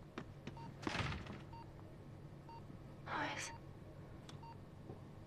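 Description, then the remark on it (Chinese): Faint, evenly spaced electronic beeps of a phone dialing tone repeat in the background, briefly covered by a couple of louder rustling, swishing noises. “你打，打到这个死小孩接电话为止。”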